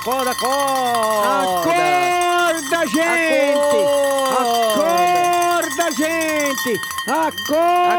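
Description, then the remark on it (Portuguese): A bell rings loudly and continuously, its repeated clanging strikes overlapping into a bright, shimmering wash of tones that waver and slide in pitch for the whole stretch. “Vamos tocar o sino, pai. Vamos acordar esse povo, pastor.”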